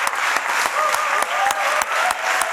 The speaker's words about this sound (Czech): S podobným potleskem a dojetím převzal cenu prezidenta festivalu také americký herec Jeffrey Wright.